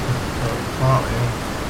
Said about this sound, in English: I'll just let the water soothe you all for a second.